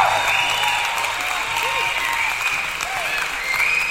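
Steady, dense applause from a crowd fills all four seconds, loud and continuous, with a few faint whistles rising above the clapping.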